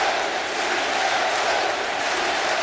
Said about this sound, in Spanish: El público animando desde la grada naciente. Sí se puede. Sí se puede.